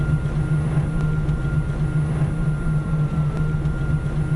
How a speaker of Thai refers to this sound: แล้วก็อีกอย่างนึงคือเสียงเงียบมากค่ะ huh? เสียงเครื่องยนต์ไม่มีก็จะมีแค่เสียงมอเตอร์ไฟฟ้านิดหน่อยที่ปล่อยออกมา